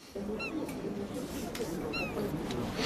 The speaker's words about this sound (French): Vous entendez? Merci … pour la mouette. Il y a une mouette, oui.